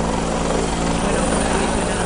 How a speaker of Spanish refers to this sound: pues va a posarse en esta en la cercana base de las LIC de Pino Franqueado para repostar antes de seguir trabajando en esos medios aéreos, como imagino que pueden escuchar también nuestros oyentes a través del sonido del helicóptero que se cuela.